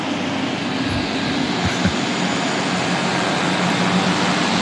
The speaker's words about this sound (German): Das sind irgendwelche Motoren und so. Also Turbinen und so richtig heftige Motoren.